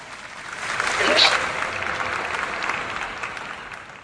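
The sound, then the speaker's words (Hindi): A crowd of spectators claps and cheers as the first female runner arrives through the fog, swelling to a peak about a second in and then holding as a steady wash of applause and voices for the rest of the moment. “क्या बात है, जोश देखिए आप, नजरें जमा के बैठे हैं रस्ते पे आप, कैट बजा दी ये ताली।”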